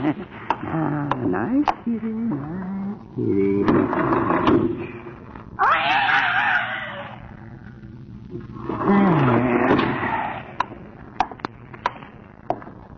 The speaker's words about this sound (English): Oh, the cat just went out the door, huh? Mm-hmm. Didn't I hear the kitty meowing? Where'd he go?